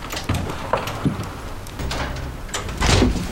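A door is opened with a few sharp latch clicks and a scraping slide, followed by shuffling and rustling movement, with no talking.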